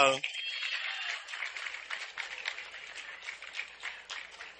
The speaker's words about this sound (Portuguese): Então, para eles também, as nossas palmas, os nossos viva!